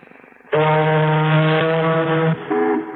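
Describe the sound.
A voice imitates an ocean liner's horn: one long, loud, low blaring blast, then a brief shorter toot, with no other sounds around it.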